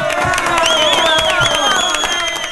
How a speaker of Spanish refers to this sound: Un aplauso para nuestro amigo